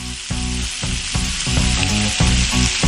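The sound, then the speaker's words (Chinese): Loud, steady sizzling of a long fish, cut in half to fit a small pan, frying in hot mixed rapeseed oil and lard. A dense crackling hiss holds throughout, with faint low thumps and scraping underneath and no talking. “现在咱们就可以把鱼下锅了。”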